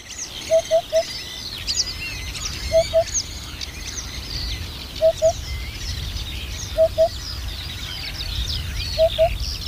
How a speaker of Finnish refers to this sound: Nyt keskitytään harjalintuun.